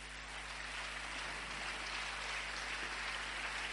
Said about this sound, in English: Clap for Jesus.